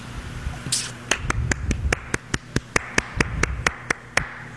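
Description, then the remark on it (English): A steady run of sharp, crisp hand claps, about seventeen in an even, brisk rhythm, rising over a low background rumble after a brief hiss at the start. “What's the clapping for?”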